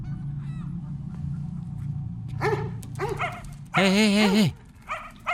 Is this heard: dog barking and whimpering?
yes